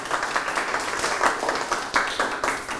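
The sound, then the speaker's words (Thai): Students in a classroom clap for groups 4 and 5, which each won two hearts in a vocabulary guessing game, a dense, sustained patter of many hands with a few sharper bursts, moderately loud, with no talking over it. “กลุ่มที่4กับกลุ่มที่5ได้กลุ่มละ2ดวงปรบมือครับ”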